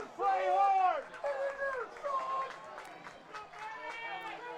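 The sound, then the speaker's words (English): A stadium crowd at an American football game cheers on their team with loud, sustained rising and falling shouts and chant-like calls, swelling in waves over a steady roar of massed voices. “Crowd imploring their team on.”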